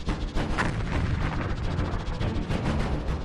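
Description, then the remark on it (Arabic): A heavy, sustained roar of a Saudi tank exploding after a single shell hit from Yemeni forces fills the whole moment, dense rumbling blast noise with crackling texture and no clear pauses, loud, with no voices. “كان لمشهد تفجير الدبابة بقذيفة واحدة اهتمام استثنائي، أخذ المشهد حقه في القراءة والتحليل، وأكثر من ذلك الإعجاب بتنفيذ عملية بهذه الدقة وتكبيد العدو خسارة كبيرة بسلاح بسيط قليل التكلفة.”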